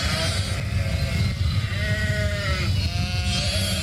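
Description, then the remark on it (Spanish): Several sheep bleat in overlapping, wavering calls over a steady low rumble, the bleats rising and falling in pitch throughout with no pause. “La provincia de Zamora, David, se encuentra a la cabeza del país en cuanto a la producción de ovino, siendo este uno de los motores económicos de la provincia.”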